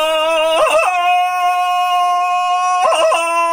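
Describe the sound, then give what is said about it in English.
Tarzan's jungle victory yell after beating Katraba, head leaned back: one loud, sustained howling cry held on a steady pitch, breaking into warbling yodel-like trills near its start and again at its end. “He leaned his head back and yelled his victory yell.”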